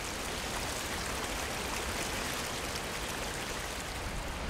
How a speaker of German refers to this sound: Der Veliki Slap, der große Wasserfall. Über 78 Meter fällt das Flüsschen Plitvica in den Canyon, den sich das Wasser gegraben hat.